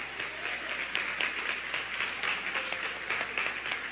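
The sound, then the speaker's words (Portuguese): An audience applauds the Lord together during a sermon, a steady wash of many hands clapping at once, dense and continuous throughout with no voices standing out. “Você quer aplaudir ao Senhor? Aplauda, ele é digno.”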